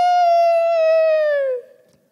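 A rooster in the Galilee region crows once, a loud, buzzy, harmonic call that holds a steady pitch for over a second before sliding downward and breaking off, with no voices alongside.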